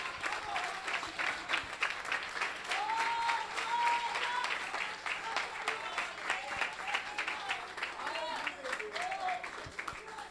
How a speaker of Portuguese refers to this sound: As palmas engrandecem o Rei Jesus.